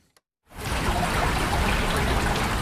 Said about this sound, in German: Friedlich plätschert die Erft mitten durch die Altstadt von Bad Münstereifel. Wände aus grauem Naturstein leiten den Fluss in sein kanalisiertes Bett.